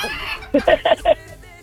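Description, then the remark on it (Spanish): A rooster crows once in four quick, bright syllables, loud, rising out of a low background murmur before fading back into it. “ya va por 1,000 y sigue el gallo”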